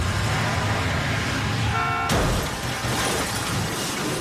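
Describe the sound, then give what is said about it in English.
A loud, busy car chase in a film scene: engines roar and a horn blares briefly before a sudden sharp crash, with dense road noise continuing afterward. No one speaks. “But the thing is that his character, too, he has to be a big driver because there's a chase, a car chase.”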